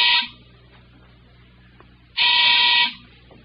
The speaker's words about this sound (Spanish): Es el timbre de la calle.